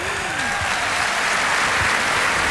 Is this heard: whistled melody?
no